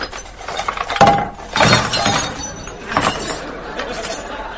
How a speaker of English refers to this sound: Well, take the drawers out and empty them onto the table.